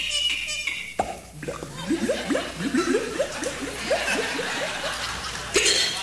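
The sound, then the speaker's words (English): A performer's voice mimics a cork popping from a bottle, then a quick run of rhythmic, rising glugs like water gurgling out, fairly loud, ending with a breathy burst. “And water gurgling, you know, when you pull the cork out of the bottle.”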